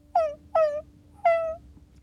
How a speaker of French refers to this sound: Mais qu'est-ce que c'est que ce bruit ? Tout doutant l'oreille, il écoute. Et toi, est-ce que tu as reconnu ce bruit ? C'est un bébé chien qui pleure.